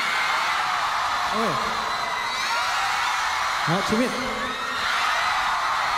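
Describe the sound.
A large audience cheers and yells loudly in a steady roar after being urged to cheer louder, with a couple of rising whoops breaking out over the din and a brief spoken voice mixed in.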